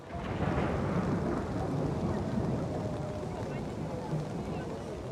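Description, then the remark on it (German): Steady, heavy rain pours down without a break over a town in Estonia, a dense wash of hiss over a low rumbling undertone, fairly loud throughout. “Und dann regnet es.”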